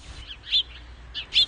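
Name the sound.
birds chirping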